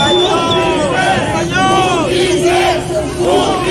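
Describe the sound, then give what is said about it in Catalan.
A loud crowd of attendees shouts and chants together after the procés trial of Esquerra leaders, overlapping voices rising and falling in waves over a constant roar of babble, with no single speaker standing out. “Recordareu els crits d'alguns assistents després del judici al procés a líders d'Esquerra.”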